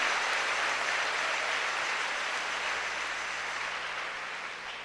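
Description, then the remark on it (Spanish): A large crowd claps steadily in a dense, sustained burst of applause lasting several seconds before easing slightly at the end; no one speaks. The audience of a preacher's sermon applauds as a prayer to God for the gift of conversion. “Con un aplauso, dile: Dios, dame el don de la conversión.”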